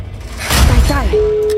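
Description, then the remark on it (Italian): A loud, brief burst of shouting and noise gives way to a single steady telephone ringing tone, the first ring of a phone-in game call, that starts clearly and holds evenly until the end. “Primo squillo.”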